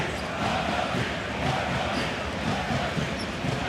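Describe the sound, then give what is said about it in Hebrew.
A large crowd of yellow-clad Maccabi Tel Aviv fans who travelled to the basketball game roars and chants steadily throughout, a dense, continuous wash of cheering with faint rhythmic pulses and no clear individual voices standing out. “ברקע אפשר לשמוע מדי פעם את האלף הצהוב שהגיע לכאן, דוחף את הקבוצה שלו.”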